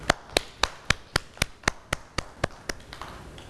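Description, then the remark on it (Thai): Children in a classroom clap for themselves in a steady, even rhythm, about a dozen sharp claps at roughly four per second, clear, softening slightly toward the end with no talking. “วันนี้เด็กๆเก่งมากเลยค่ะปรบมือให้ตัวเองด้วยค่ะ”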